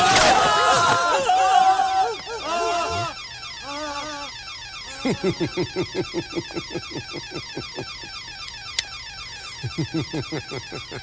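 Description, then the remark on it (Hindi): A loud locker alarm rings continuously with a rapid, rattling pulse during a robbery at gunpoint. Raised voices shout over it at the start, and steady rhythmic thuds follow beneath the ringing. “साले डेढ़ो शियार, तुझे क्या लगा था अलार्म बजते ही लॉकर से पुलिस बाहर आ जाएगी?”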